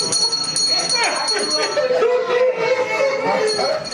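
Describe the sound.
Several bells ring together in a steady, bright jangle for the whole moment, loud and close, while a group of voices chatters and cheers underneath.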